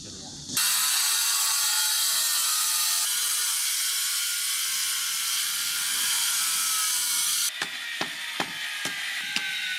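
A loud, harsh power tool grinds and cuts a 50–60 jin 'mother-and-child' stone (子母石) continuously for several seconds, then stops, followed by a series of sharp hammer strikes against the stone at an uneven rhythm, as a stonemason shapes it for painting on.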